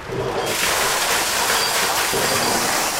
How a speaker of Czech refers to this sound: ale vypadá to, že už tady tlačí vodu a pevně věřím, že dostane až sem. Už jde voda? Už jde voda, už jde voda.